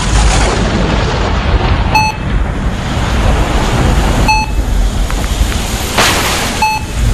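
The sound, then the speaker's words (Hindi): A thunderstorm: steady, loud rain hissing throughout with low rumbling thunder and a sharp crack toward the end, plus a few brief beep-like tones. No one speaks. “बिजली कड़क रही है, पानी बरस रहा है, इस तूफान की आवाज सुनते हो?”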